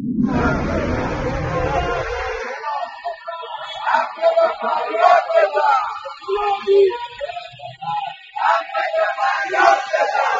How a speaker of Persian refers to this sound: روز یکشنبه 5 مهر بازنشستگان فولاد اصفهان فریاد می‌زدند: فولادی داد بزن، حق تو فریاد بزن.